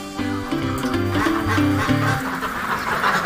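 ducks quacking

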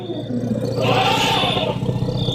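elephants fighting and roaring

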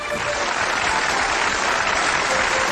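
studio audience applause

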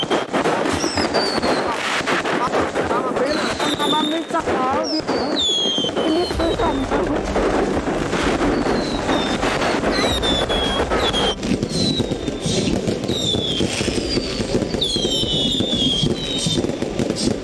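firecrackers and fireworks exploding

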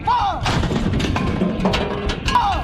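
artillery cannon fire

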